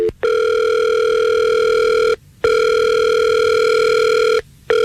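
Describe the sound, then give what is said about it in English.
An outgoing phone call placed live on the Fred Show morning radio show rings back: steady electronic ringback tones in long bursts of about two seconds, separated by short silences, loud and clear with no voices. “Well, let's call him and we'll see if we can get him on the phone and we'll figure this out for you.”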